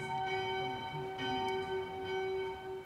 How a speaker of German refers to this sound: Und genau in diesem Moment ertönen die Glocken zum Mittagsgeläut. Ganz bestimmt kein Zufall.